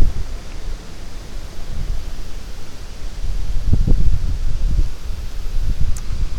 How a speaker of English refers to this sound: Going to get windy.